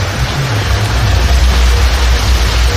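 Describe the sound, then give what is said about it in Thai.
Heavy rain pours down in a steady, dense hiss that fills the whole clip, loud, with a low rumble underneath and no one speaking; recorded in a video clip sent in by a listener. “ขอดูคลิปหน่อยสิว่าฝนตกเยอะหรือเปล่าโอ้เยอะแล้วนะเนี่ยนี่ฟังเสียง”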